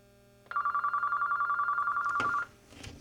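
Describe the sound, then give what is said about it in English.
A telephone rings with a steady, rapidly pulsing electronic trill for about two seconds, fairly loud, then cuts off into a brief rustle. “Do you hear ringing? I do, but it's not. Oh, that's not at your end. It's at my end.”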